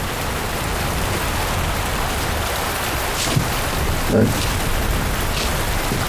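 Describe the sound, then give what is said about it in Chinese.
Steady rain falls in a dense, continuous hiss that holds an even loudness throughout, with a brief heavier spatter partway through and no voices. “等你知道下雨天该怎么对你官人呢。”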